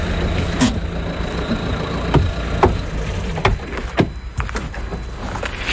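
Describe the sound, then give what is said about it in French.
A car drives 6 km to the Pointe du Groin near Cancale, France, with a steady engine and road rumble throughout, broken by a few sharp clicks and light knocks as it moves. “Et pour ça, on prend la voiture, c'est à 6 km.”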